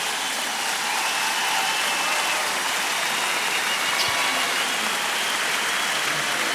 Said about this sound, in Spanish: ¡Fuerte el aplauso para el extraordinario Abel y para Eugenia!